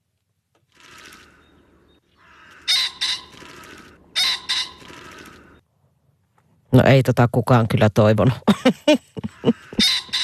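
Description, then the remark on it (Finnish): Harsh, raspy pheasant calls in several short bursts, with broad noisy bands separated by pauses, followed by a man speaking briefly; another scratchy burst cuts in at the end. “Tämä on fasaanin kirkuna.”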